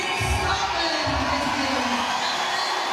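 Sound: crowd cheering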